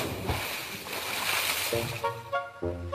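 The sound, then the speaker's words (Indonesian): A splash of someone jumping into sea water at a beach, followed by a wash of churning, bubbling water, then a voice makes short sounds. “Ah, lompat dulu.”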